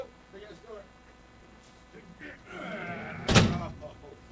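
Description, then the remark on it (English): A heavy door swings with a low groaning rumble, then slams shut with a single loud, sharp bang. Faint voices murmur in the background. “Big ass door.”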